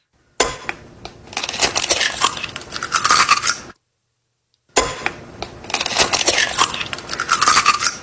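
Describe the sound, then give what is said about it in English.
An egg being cracked, heard twice: each time a crisp, crackling crunch of shell lasting a few seconds, with a short silent pause between the two identical bursts and no talking. “Cracking an egg? It is!”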